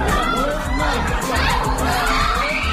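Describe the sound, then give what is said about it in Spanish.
The family of a 3-year-old boy killed in an Israeli attack on the Gaza Strip, near a bakery, screams and cries together. Several voices wail at once in a loud, continuous, overlapping clamor with rising and falling anguished pitches and no pause. “Son los gritos de la familia de un niño de 3 años al que Israel ha matado en su último ataque contra la franja.”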